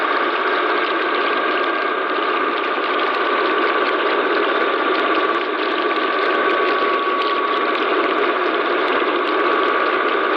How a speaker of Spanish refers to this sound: El sonido del fracking en alta mar.